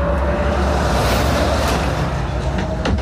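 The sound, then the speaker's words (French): A heavy truck rumbles loudly past on a road lined with traffic cones for roadworks, its broad engine and tire roar swelling briefly near the middle over a constant wash of traffic noise. “Le camion, comment il est passé là?”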